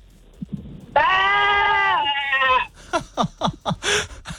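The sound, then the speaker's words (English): A child caller from Gundaroo on the radio station Hit 104.7 imitates a sheep for a best-sheep-bleat contest, giving a long, wavering, nasal "baa" bleat that lasts over a second, followed by a burst of quick, excited chatter and laughter. “You got to give me your best sheep bar, okay? Give it your best.”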